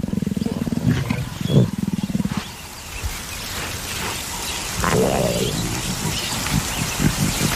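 A female leopard growls loudly in harsh, rapidly pulsing bursts as a large Natal rock python attacks it near its den: one long snarling bout, a brief lull filled with rustling noise, then a second rougher growl.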